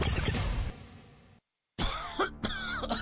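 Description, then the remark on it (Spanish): Harsh coughing: a long raspy cough that fades out, a brief silence, then a fresh run of several rough coughs in quick succession. No one speaks. “Las flemas, la tos, el asma, las afecciones de las vías respiratorias te impiden trabajar.”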